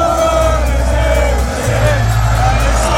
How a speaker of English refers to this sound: Premier League victory parade in North London this afternoon. Thousands of fans are cheering here on Holloway Road. It's filled with red and white. There's people on buildings and out of windows. Everyone is waiting for the Arsenal bus to come past.